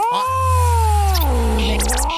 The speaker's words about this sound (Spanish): Oye, ¿dónde está el gato Ñao? Oye, ¿dónde está el gato Ñao?